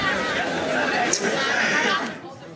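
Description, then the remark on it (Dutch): A steady wash of audience chatter, many voices murmuring and talking over one another, fairly loud and continuous before easing off near the end. “Je hoort het hier al uit het publiek.”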